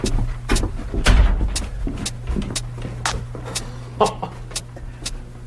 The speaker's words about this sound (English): You can pull that door closed if you like.